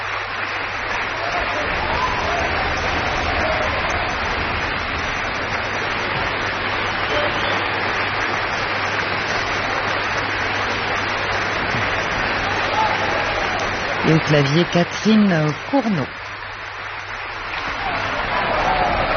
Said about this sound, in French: C'est Kokoukcha qui invite les différents musiciens à se lever pour recueillir les applaudissements.